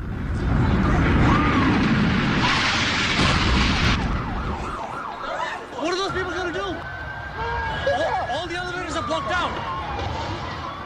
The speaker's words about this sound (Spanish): Los atentados contra las Torres Gemelas y el Pentágono, las casi 3.000 vidas truncadas, familias marcadas para siempre, que viven con una herida profunda al recordar un cielo cubierto de humo y el silencio roto por sirenas.